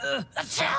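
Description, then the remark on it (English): A single voiced sneeze brought on by dust, loud: a quick rising intake of breath, a brief pause, then a sharp breathy burst trailing off into a short vocal tail. “All this dust is making me...”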